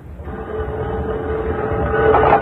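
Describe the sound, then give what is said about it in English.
The Limited train rumbles along the rails in a steady, continuous roar with a low droning hum, growing slightly louder over a few seconds. No one speaks. “Going aboard the Limited himself in an attempt to corner the card shops through a chain of circumstances, the Green Hornet is accused of murder.”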